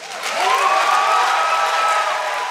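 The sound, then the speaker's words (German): A crowd bursts into loud, sustained cheering and applause for a speech by Czech writer Radka Denemarková at a ceremonial opening, a dense wash of clapping with high whoops and shouts layered over it, holding steady for a couple of seconds. “Also großer Jubel für die Rede der tschechischen Schriftstellerin und Staatsminister hatten wir ja auch einen da.”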